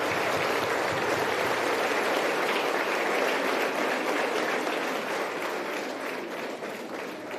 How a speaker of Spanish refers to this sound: Se ponen de pie, les damos un fuerte aplauso a estos hermanos.